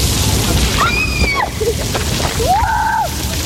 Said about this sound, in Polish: Przez Polskę przechodzi fala niemal 40-stopniowych upałów. W wielu miejscach stanęły kurtyny wodne, które dają mieszkańcom chwilę wytchnienia. Tak jest m.in. w Radomiu.